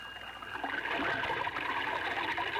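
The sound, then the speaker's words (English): Water gushes out of a fire engine in a steady, continuous spray to put out a fire in a station house, a hissing, splashing rush that holds at an even, fairly loud level throughout with no voices. “Then I spouted water.”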